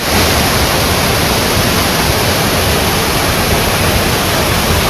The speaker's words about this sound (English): Those are waterfalls. I drove an hour and 45 minutes about southeast of Nashville and went to a state park where there's waterfalls.